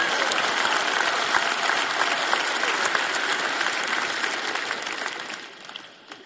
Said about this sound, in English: And this, you clap, you cheer. It's great. It was an awesome conference.